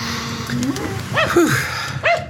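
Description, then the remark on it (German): An agitated dog snorts and pants, with a few short whining, rising-and-falling vocal bursts over a steady low background hum. “Versuchen Sie dann auch, den Hund etwas zu beruhigen.”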